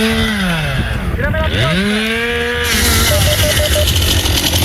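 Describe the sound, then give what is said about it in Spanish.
A loud chainsaw runs continuously at a wildfire site, worked by firefighting crews on the ground. Its engine whines and dips in pitch as it bogs into a cut, then revs back up with a harsh buzzing edge. “El incendio está activo en situación de emergencia operativa 1 y 212 efectivos del Infoca trabajan sobre el terreno con maquinaria pesada y motosierras.”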